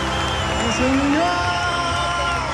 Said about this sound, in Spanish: Un aplauso para ustedes, chiquillos.